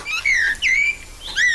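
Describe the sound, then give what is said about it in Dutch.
A common blackbird sings three short, fluty whistled phrases, each sliding downward, clear with brief pauses between them and no other sounds. “En de merel, dan jassen we die er ook meteen doorheen.”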